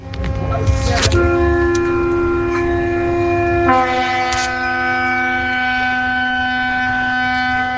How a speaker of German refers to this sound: Was ist das, ein Hafen? Ist das ein Schiff oder so? Ist das? Das ist ein Schiff? Ja. Habt ihr recht, ja?